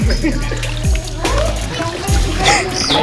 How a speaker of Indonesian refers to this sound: Saya juga mau nyobain ah. Bisa. Tolong Kang, siram Kang.